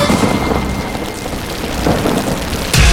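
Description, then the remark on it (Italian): Heavy rain pours down in a dense, steady, loud hiss, with a deep rumble of thunder swelling near the end. No voices are heard. “Piove. Senti come piove. Madonna come piove.”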